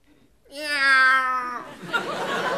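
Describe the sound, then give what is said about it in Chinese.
A person lets out one long, loud, wavering yowl imitating a cat, strained and rising before trailing off, as an emotional outburst before reciting a four-line doggerel poem, followed by a burst of audience laughter. “哎， 我以为哪位踩了猫了呢。”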